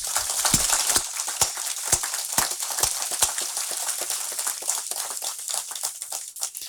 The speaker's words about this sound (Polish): Myślę, że wszystkim pielgrzymom i wszystkim nam tu obecnym należą się gromkie brawa już na początek.